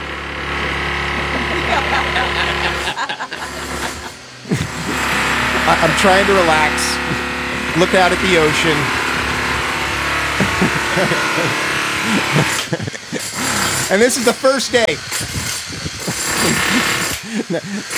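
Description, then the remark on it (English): A loud power tool grinds and cuts the cement of balconies to make drains in them, in a steady, whining drone with a low motor hum, running almost continuously while people talk over it. “Come to find out, what they were doing was they're making drains in the balconies, and the balconies are made of cement”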